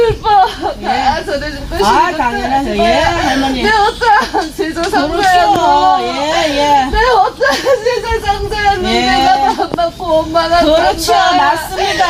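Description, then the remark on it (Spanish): A person cries loudly and continuously during a shamanic ritual called gut, in long, quavering, sobbing wails that rise and fall, with a faint murmur of other sound underneath throughout. “¿Pues está riendo o está llorando? Está llorando.”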